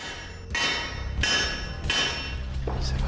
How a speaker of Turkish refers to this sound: Burada yaptığımız şey metale çekiçle vurarak onu sadece bir yönden az miktarda esnetmek. Bu da bir tarafın uzamasını sağlıyor. Fazladan bir kavis veriyor.